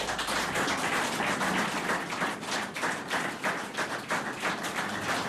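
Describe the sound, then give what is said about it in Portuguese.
An audience applauds as Dr. Leal Salvado receives a prize at an anniversary celebration of Rádio Cova da Beira, many hands clapping in a dense, continuous wash of sharp claps that holds at a fairly loud level throughout, with no voices rising above it. “As palmas para alguém que há muito tempo, como já dissemos nesta emissão, fugia deste reconhecimento.”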